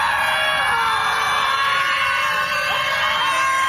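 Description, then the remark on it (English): A dense crowd of protesters at a scream protest screams and yells continuously at full volume, many overlapping voices forming a loud, sustained wall of shrieking with no pauses. “It was a Scream protest. They just stood around and screamed.”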